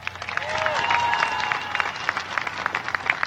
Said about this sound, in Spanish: ¡Aplausos!